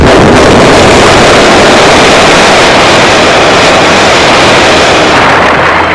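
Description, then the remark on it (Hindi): A huge explosion sound effect depicting the terrible blast billions of years ago that broke apart a vast landmass on Earth, a loud broad roar and rumble that fills the whole stretch for several seconds before easing slightly at the end, with no voices. “किसी कारणवश बड़ा भयंकर धमाका हुआ।”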